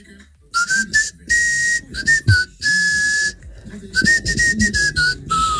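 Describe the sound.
A person whistles loudly and shrilly to call cats inside, in a series of sharp, sustained blasts with short gaps, the pitch rising and falling slightly. The whistling is alone, with no talking.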